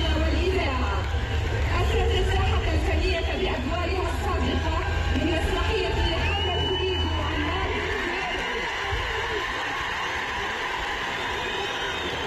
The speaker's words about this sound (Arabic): تصفيق كبير تبارك الله، تصفيق كبير وترحاب استثنائي